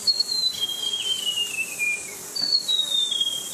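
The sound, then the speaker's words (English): White-throated gerygone song: thin, high whistled notes that slide downward in a lilting, falling phrase, then repeat once more, clear against a faint hissy background with no talking. “Any member of this family is a really great bird to hear, but this one's called the white-throated jerigony.”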